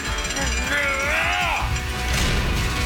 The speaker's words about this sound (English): There you go. We're going to get this Chonkosaurus of a door to slam shut. All right, little more of a push.